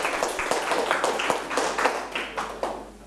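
A group claps together for their classmates, a steady patter of many hands with sharp repeated slaps, moderately loud and continuous for a few seconds without any talking.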